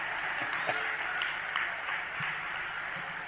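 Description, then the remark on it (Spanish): An audience breaks into steady applause, a dense wash of many hands clapping at once, holding an even, moderate loudness for a few seconds without pause. “Aplaudan, yo espero, ¿eh?”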